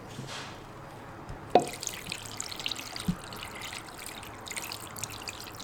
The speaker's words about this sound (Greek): Σκέπασμα με νερό.